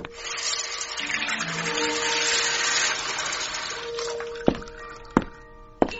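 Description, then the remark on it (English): A steady hiss of water being poured or sprinkled over wisteria plants, easing off after a few seconds, followed by three sharp drips or taps spaced about half a second apart. “Here, have a drink of water on me. Not too much now.”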